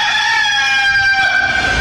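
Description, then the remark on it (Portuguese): A rooster crows loudly, one long sustained call with a strained, ringing tone filling nearly two seconds, with no talking over it. “Ah, meu Deus, o galo cantou, não sei.”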